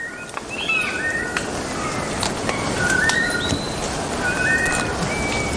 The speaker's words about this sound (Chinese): 许多鸟类都会通过鸣叫宣示领地，然而并非所有的鸟鸣声都来自高处。